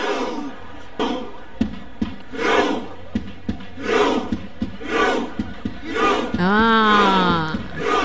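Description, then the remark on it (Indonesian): A crowd of Norway's supporters performs their Viking chant, known as the Viking Raw, at a match involving Norway: loud unison shouts land on a steady beat about once a second, drawing closer together and getting faster, then break into a long, rising roar of cheering. “Dia makin lama makin pantas dan diakhiri dengan sorakan menunjukkan kemenangan mereka.”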